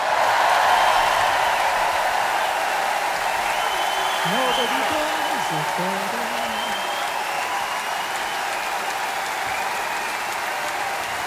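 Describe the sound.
Sustained, loud applause from a large audience at a concert with the BBC Concert Orchestra, a dense steady wash of clapping that holds for the whole stretch, with a brief voice rising faintly over it midway.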